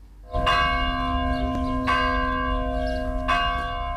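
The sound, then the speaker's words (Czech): A church bell tolls slowly at a memorial service at Orlovača cemetery in Belgrade, three resonant strikes roughly a second and a half apart, each ringing on and overlapping the next, with no voices present. “Zvona su se čula još 20 puta, za ukupno 25 sahranjenih na beogradskom groblju Orlovača.”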